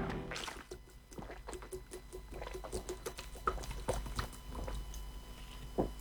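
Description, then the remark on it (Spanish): Drinking sounds of a person taking water during a hydration pause: a run of small wet gulps and sips with clicks of the mouth and throat, fairly quiet, with no talking. “Voy a terminar aprobando la pausa de hidratación porque me hacen tomar agua en serio.”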